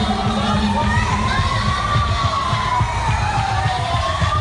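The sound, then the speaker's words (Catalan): A panicked crowd screams and shouts in a dense, continuous roar amid chaos, with people stampeding and injured victims on the ground, while rising and falling siren-like wails sound over the commotion throughout. “Els crits, les víctimes ferides al terra, les allaus de gent”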